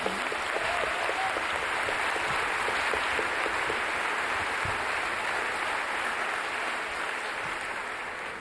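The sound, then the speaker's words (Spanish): A crowd at the Vitoria Jazz Festival applauds the festival steadily, a dense wash of many hands clapping at an even loudness for several seconds before easing off slightly toward the end. “Un fuerte aplauso por el Festival de Jazz de Vitoria.”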